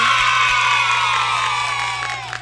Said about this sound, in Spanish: Antes de todos, saludar a la ciudad constitucional del Callao, que está cumpliendo 190 años de vida constitucional, y a toda mi gente linda del Callao que radican acá en la ciudad de Tarapoto. Aplausito para toda esa gente.